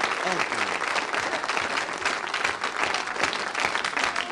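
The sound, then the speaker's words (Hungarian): Steady audience applause fills the whole stretch, a dense, even patter of many hands clapping at a constant loudness without pause. “Na, na, ne tüntess, csak tapsolj.”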